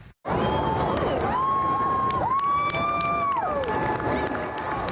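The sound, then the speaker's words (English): A crowd at the legislature in central Edmonton, Canada, cheers and murmurs steadily throughout as the Canadian Forces Snowbirds military flight team performs ceremonial flyovers; a loud, whining jet engine tone overhead holds its pitch, dips and rises, then falls away near the end. “A good crowd showed up at the legislature as the iconic military flight team conducted a series of ceremonial flyovers over central Edmonton.”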